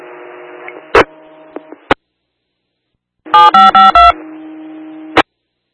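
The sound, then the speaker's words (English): A quick series of four electronic fire dispatch alert tones beeps out over a hissy radio channel, framed by sharp squelch clicks as the transmission keys on and off. The tones page battalion 4606 and engine 4665 to a mutual-aid medical call with Hollister at New Idria Road. No one speaks. “On tone 1 for battalion 4606, notification only, engine 4665, respond mutual aid with Hollister to a medical 250 New Idria Road.”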